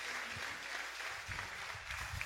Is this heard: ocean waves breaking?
no